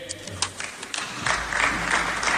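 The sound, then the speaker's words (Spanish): A few people clap sparsely at first, then a small group joins in with steady, scattered applause at moderate volume, without any voices. “Y aplauden cuatro colgados ahí.”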